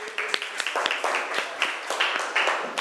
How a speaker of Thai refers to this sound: เอาปรบมือให้กลุ่มหนึ่งหน่อยค่ะ